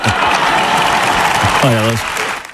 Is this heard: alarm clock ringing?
no